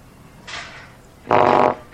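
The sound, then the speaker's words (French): In a WC, a short, hissy burst is followed by a louder, buzzing fart with a rough tonal rasp, then the start of another burst at the end. No one speaks. “Quelqu'un qui était dans un WC, qui faisait un paix, et puis qui tirait la chasse.”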